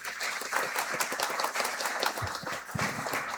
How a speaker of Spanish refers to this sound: Un aplauso de gratitud, de fe y de amor.